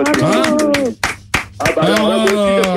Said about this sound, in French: J'applaudis.